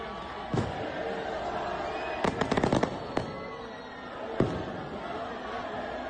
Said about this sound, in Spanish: Bueno, hay griterío, fuegos artificiales,